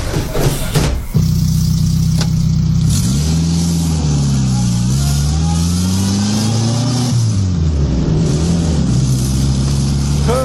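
A car engine cranks with a short burst, catches, and settles into a steady mid-pitched rumble. It then revs up and down in smooth swells as the vehicle pulls away after picking up a passenger, loud throughout with no talking.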